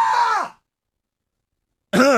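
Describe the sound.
A man screams in fright into a live stream camera after seeing a shadowy silhouette waving at him through glass: two loud, strained, high-pitched screams, each about half a second long, separated by well over a second of silence.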